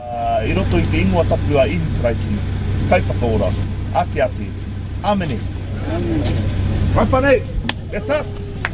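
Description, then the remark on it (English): Cars idle in a queue snaking around the car park at Mangere Centre Park, a steady low engine rumble running throughout, while several people talk over the top of it as volunteers get ready to serve the queue. “a team of volunteers ready to serve the queue of cars snaking around the car park at Mangere Centre Park.”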